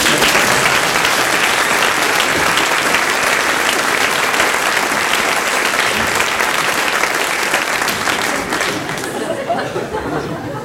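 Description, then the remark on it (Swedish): Sustained audience applause fills the whole stretch, a dense, loud crackle of many hands clapping at once, with faint crowd murmur mixed in as it begins to thin out near the end. “Applåd.”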